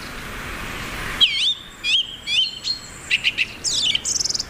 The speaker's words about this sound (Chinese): 雄性以响亮的叫声宣示领地，它的声音从很远的地方都能听到。